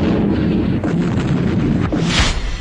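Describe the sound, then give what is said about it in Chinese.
A loud, dense barrage of artillery and gunfire, with heavy booms and sharp bursts overlapping continuously and relentlessly, with no voices, recalling the night of 18 September 1931 in Shenyang, China. “正在睡梦中就听着炮声， 大家就是都醒了，哪来这么激烈的枪炮声呢？”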